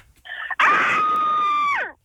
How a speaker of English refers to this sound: Ooh. Everyone sounds like there's more than one person screaming.